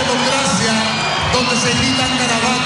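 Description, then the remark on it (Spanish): A large audience roars and shouts insults at a performer continuously, many voices overlapping into a loud, dense wall of jeering with occasional whoops rising above the din. “Donde se gritan garabatos a las personas.”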